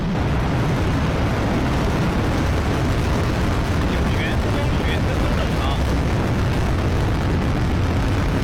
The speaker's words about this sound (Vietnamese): Sau đó tên lửa Trường Chinh 2F khai hỏa bên dưới tàu Thần Châu 23 và cất cánh. Tàu vũ trụ lao vút lên bầu trời đêm lúc 11 giờ 8 phút tối theo giờ Bắc Kinh.